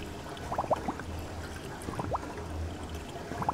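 Water sloshes and trickles steadily in seagrass wave tanks at GEOMAR in Kiel that simulate natural water movement, with scattered small splashes and bubbling gurgles rising above a low, constant hum of machinery. No one speaks.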